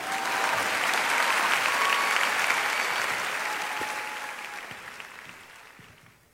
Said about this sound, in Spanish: Más fuerte el aplauso para el Rey de Reyes, Señor de Señores.